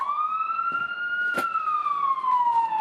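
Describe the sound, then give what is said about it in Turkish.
A voice, acting as a firefighter, imitates a fire engine siren, holding one loud, steady wailing tone that rises slightly and then slowly falls over about three seconds, with a brief clatter partway through. “Ben itfaiyeci eri olarak şey yaptım.”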